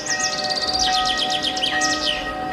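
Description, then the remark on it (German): Bells hum with a steady, lingering ring while birds chirp busily in rapid, bright trills over the top. Nobody speaks. “Zum Beispiel, dass es schön ist, im warmen Gras zu liegen, in die Sonne zu blinzeln, wo sich anzudösen und den Glocken zuzuhören.”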